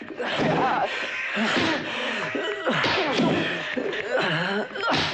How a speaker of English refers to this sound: An enraged Coogan rises and grabs Pushy, forcing him back on top of the pool table and punching him in the face.